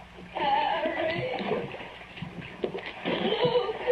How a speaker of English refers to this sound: Panicky in the wet darkness, feeling around the slimy walls, the water lapping soggily at my chest.